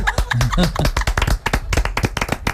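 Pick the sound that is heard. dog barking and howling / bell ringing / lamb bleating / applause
applause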